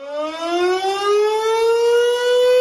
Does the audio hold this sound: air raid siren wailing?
yes